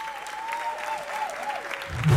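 Audience applause, a dense steady patter of clapping over a thin wavering tone, swelling slightly louder at the very end.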